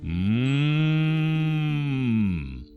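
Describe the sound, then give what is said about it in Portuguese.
Betinho the calf, son of the bull Boi Barroso on the sítio Carinho, lets out one long, steady moo lasting nearly three seconds, loud, with no other sounds around it before it trails off. “Betinho, sua hora de mamar vai chegar, meu filho.”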